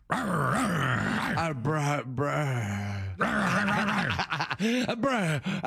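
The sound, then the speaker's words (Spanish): A voice imitates a dog, growling and panting in loud, continuous bursts with wavering, whiny pitch for several seconds. “No, este güey está muy sensual. Sí, jadeando ya.”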